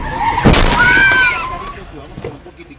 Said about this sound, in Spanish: Mire usted, de una, o sea, se estrellaron, quebraron el vidrio del carro y se levantaron como si nada.